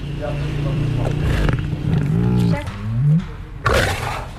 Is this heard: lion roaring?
yes